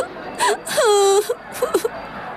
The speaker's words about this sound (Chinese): 说着忍不住哭了出来。